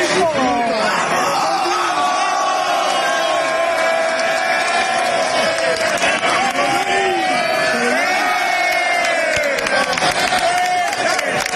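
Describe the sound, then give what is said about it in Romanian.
Rayo Vallecano football fans in Strasbourg cheer and chant, celebrating with the players after the club qualified for the Conference League final, a dense, steady roar of many voices with shouted whoops and sung tones rising over the din throughout. “Rațiu și coechipierii au sărbătorit alături de suporteri cea mai mare reușită din istoria clubului înființat în 1924.”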